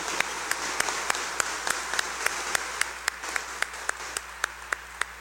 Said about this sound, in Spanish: A las mamás que nos acompañan, démosle un fuerte aplauso de bienvenida y felicitación.